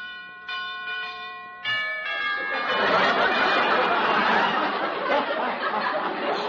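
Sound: door bell ringing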